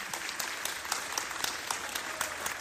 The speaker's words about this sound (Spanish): Entonces, muchísimas gracias, muchas felicidades y por favor, vamos a darle un aplauso a nuestro presidente municipal.